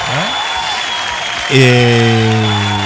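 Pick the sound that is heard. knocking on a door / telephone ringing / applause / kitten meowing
applause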